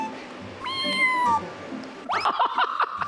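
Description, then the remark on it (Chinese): A cat meows: one long, drawn-out meow with a falling pitch, then a quick cluster of shorter, higher meows, clear over faint background noise, with no one talking. “对了，我还要给你们介绍个朋友，他的名字叫猫。”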